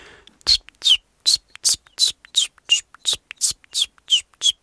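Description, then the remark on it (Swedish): A voice imitates a common chiffchaff's song: about a dozen breathy, whispery notes repeated at an even, steady rhythm, each with a high, slightly wavering pitch, alternating between two tones. “Jag har varit i Göteborg nyligen och där sjöng bland annat gransångar som är ganska sentida invandrare i södra Sverige.”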